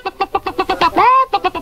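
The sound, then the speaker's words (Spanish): An old hen clucks in a quick, steady run of short, nasal bursts, breaks into one drawn-out rising squawk, then resumes clucking. Loud, with no talking. “Pongo dentro de este lado una vieja gallina.”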